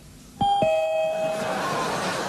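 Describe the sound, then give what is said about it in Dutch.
A front-door doorbell rings with two bright, clear chime strikes in quick succession, the tones lingering and slowly fading out over a faint background hiss. No one speaks. “Ik denk, hé, het geluid van de deurbel is er weer.”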